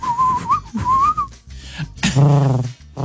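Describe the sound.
Someone whistles an imitation of a pigeon call: two steady, slightly wavering whistled phrases, then a short, low, throaty coo-like sound voiced toward the end.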